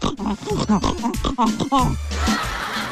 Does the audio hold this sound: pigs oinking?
yes